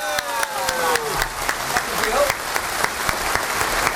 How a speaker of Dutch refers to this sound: Even blijven klappen. Even blijven klappen, want ik moet die microfoon nog inschakelen.